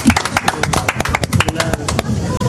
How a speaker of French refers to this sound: Merci de nous avoir invités. Sur Sud Radio, je vous applaudis très fort. Vous pouvez vous applaudir.